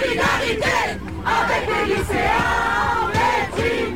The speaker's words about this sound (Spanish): Solidaridad con los estudiantes de secundaria reprimidos, gritaba un grupo de estudiantes universitarios que ondeaba una bandera del sindicato de la Unión Estudiantil.